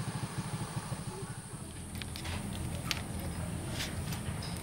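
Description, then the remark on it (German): A neighbor's small moped engine putters unevenly in a family yard in Gablogan as a retired truck driver works on it. Its low chugging pulses are steady at first, then thicken into a rougher idle, with faint clinks and rustles outdoors. “Mit Motoren kennt sich der pensionierte Lastwagenfahrer aus und deshalb packt er an, wenn ein Moped mal nicht so knattert, wie es sollte.”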